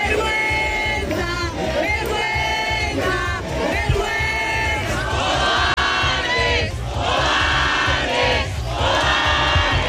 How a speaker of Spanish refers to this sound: Es el grito de la calle hoy frente a la voracidad de un fondo de inversión y la incapacidad política.